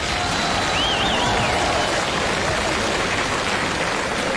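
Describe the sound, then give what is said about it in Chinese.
A crowd applauds steadily, dense clapping filling the whole stretch at a fairly loud, even level, with a brief wavering whistle cutting through near the start. “哎呀， 看见此起彼伏的掌声了？”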